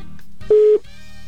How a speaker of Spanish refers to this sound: Ya está sonando el teléfono.